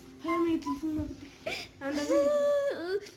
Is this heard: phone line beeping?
no